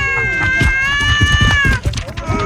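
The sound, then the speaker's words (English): Cats meow in a loud, drawn-out wail that lasts most of the moment before trailing off, with low thumps and rumbling movement underneath. “I'm going to drown these cats.”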